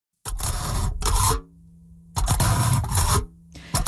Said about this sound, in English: So that's the sound of a fork poking through aluminum foil.